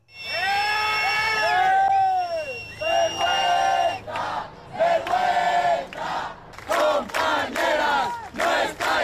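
A crowd of protesters, neighbours and tenants' union members, yells loudly outside a building entrance as 50 riot police carry out an eviction of an elderly woman in the Retiro neighbourhood, opening with a sustained chorus of raised, wavering voices, then breaking into repeated overlapping bursts of shouting that rise and fall in quick succession.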